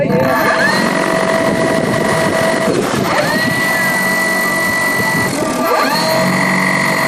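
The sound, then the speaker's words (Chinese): The motors of a research drone carrying composite sensors run through a final pre-takeoff test on grassland 50 km southwest of Golmud: a loud, steady high-pitched electric whine that swoops upward in pitch three times as the motors spin up, with no voices. “搭载复合传感器的科考无人机在格尔木市西南50公里的草场进行升空前最后的测试。”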